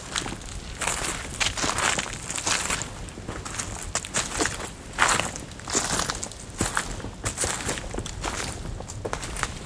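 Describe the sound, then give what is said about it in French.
Dead leaves crunch and crackle underfoot among tree trunks tens of meters tall, in a steady walking rhythm, each step a bright, crisp rustle, continuous and moderately loud with no voices. “Le dos crissement des feuilles mortes.”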